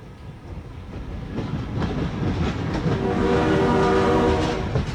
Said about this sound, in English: Complacency around level crossings can be deadly as trains can come from any direction at any time. Ensure you always obey the signs and traffic signals. Slow down, look and listen for trains before you cross.